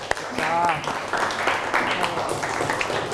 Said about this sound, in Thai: วันนี้ปรบมือให้ตัวเองหน่อยค่ะ